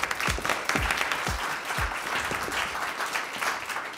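Steady, dense applause from an audience at a fencing competition as the two finalists are announced, a continuous patter of many hands clapping at an even loudness, with a few low thumps underneath and no voices standing out.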